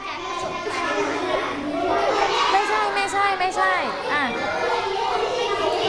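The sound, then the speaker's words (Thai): Many children in a class, working in groups, chatter and call out at once: overlapping high-pitched voices forming a steady, loud babble with occasional rising shouts. “เด็กๆเบาเสียงหน่อยจ้าเบาเสียงหน่อย”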